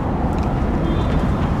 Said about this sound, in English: The graveyard bisects the Southwark and London Bridge station, and every several minutes I can hear the screech of the trains going past. And nearby construction workers hammering away. Passerbys, car honks.